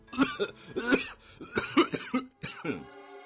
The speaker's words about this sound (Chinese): 他像是被什么给呛了一下，突然间一阵咳嗽，咳得涨红了脸。